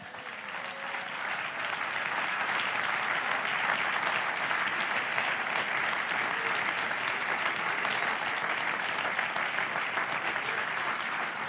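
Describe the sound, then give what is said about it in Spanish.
Sustained applause from an audience, a dense, steady wash of many hands clapping at even loudness throughout, with no voices standing out above it. “Dale otro aplauso.”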